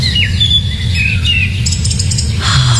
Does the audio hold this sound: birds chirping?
yes